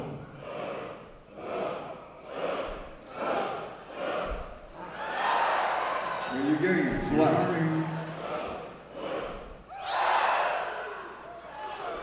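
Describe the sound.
An audience, directed as a chorus for a record being made, makes low, rumbling mouth noises in swelling bursts, with a loud collective surge midway and another near the end; a man speaks briefly between them.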